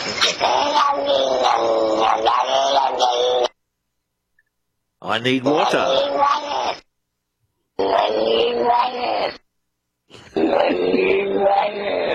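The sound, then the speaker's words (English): A cat's meow played in reverse, heard as four drawn-out, strained, wavering cries separated by short silences, with a warped, groaning quality that almost sounds like garbled speech. “Yeah, let's do the cat backwards again.”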